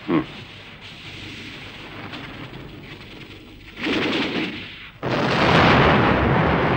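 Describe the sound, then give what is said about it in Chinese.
A hydroelectric power station explodes: a sharp bang opens, followed by a steady rumbling roar; a second surge of noise hits, then a louder, sustained blast of explosion-like roaring fills the end, powerful. “哎，水电站爆炸了！”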